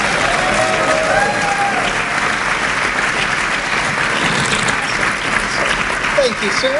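An audience at an Akron Sound panel event breaks into sustained applause welcoming the Program Director of the Summit FM radio station, a dense, steady wash of clapping that stays loud for about seven seconds, with a few faint whoops and cheers rising over it.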